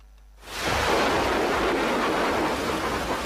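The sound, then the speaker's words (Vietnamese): After a moment of near quiet, a loud roll of thunder bursts in and keeps rumbling steadily with a broad, hissing roar, heavy, with no voices. A thunderstorm with thunder and lightning early in the rainy season, over the border area of Ea Súp, Đắk Lắk province. “Đầu mùa mưa, những trận dông kèm sấm chớp rền vang trên nền trời biên giới Esup tỉnh Đắk Lắk.”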